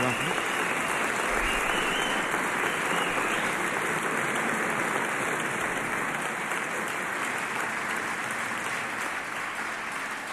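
A crowd claps loudly and steadily for about ten seconds, a dense, unbroken wash of applause with no pauses or swells and no clear voices on top.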